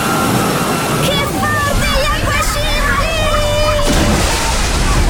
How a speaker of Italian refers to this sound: Il relax delle piscine termali. Il divertimento della piscina d'onde, ne arriva un altro!